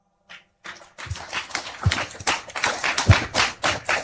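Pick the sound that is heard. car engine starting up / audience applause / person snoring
audience applause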